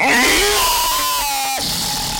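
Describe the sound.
A person imitates a lion's roar with one loud, strained, scream-like vocal cry that rises and then falls over about two seconds.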